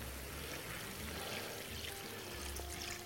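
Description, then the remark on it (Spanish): A little water pours steadily into a cooking pan with white wine for a few seconds, a continuous trickling splash with no voices over it. “Voy a añadirle un poquito de agua.”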